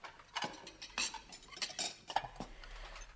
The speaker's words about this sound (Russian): Что касается меня, то ты можешь мыть посуду хоть всю свою жизнь.